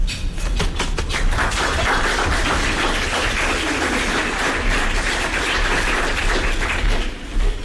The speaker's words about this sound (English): All right, I appreciate it. That was a pretty good round of applause. I wanted to make sure you guys are looking happy and enjoying your food today.